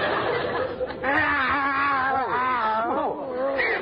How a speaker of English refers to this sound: Kitties? These are Skid Row Tomcats.